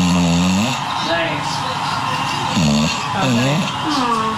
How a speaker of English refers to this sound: You recorded this animal because it snores.